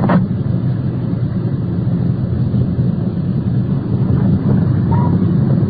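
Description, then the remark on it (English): A car's engine rumbles steadily as the vehicle swings into the circular driveway of a bar, with a constant low drone and road noise throughout and no voices. “Swinging into the circular driveway of the bar.”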